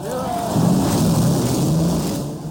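Race car engines fire up at the Indianapolis 500 after the command to start engines, roaring together in a loud, steady rumble, with a low droning hum and a few brief higher whines rising at the start.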